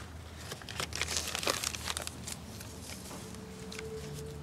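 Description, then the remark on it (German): A bag is crumpled and crinkled in a burst of dense, irregular rustling that fades after a couple of seconds, leaving a faint tonal hum. “Und so eine Tüte?”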